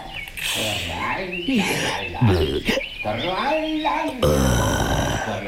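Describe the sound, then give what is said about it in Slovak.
A pig singing: grunting, snorting vocal tones that slide up and down in a rough melody, loud and continuous for several seconds with a few breathy bursts between phrases. “Ale čo to počujem? Spievajúce prasa.”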